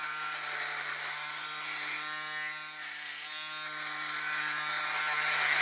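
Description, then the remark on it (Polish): An electric shaver, still slightly wet from washing, is switched on to demonstrate it and hums steadily for several seconds, a constant buzzing motor tone with bright harmonics and a slight swell in loudness toward the end, with no voices. “I teraz włączam ją. No i teraz ona sobie chodzi i można się golić.”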